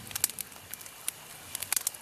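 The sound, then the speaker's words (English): A campfire crackles on its own, with irregular sharp pops and snaps scattered over a soft, steady hiss. The sound is fairly quiet, with a few brighter cracks standing out. “By this campfire, it just feels...”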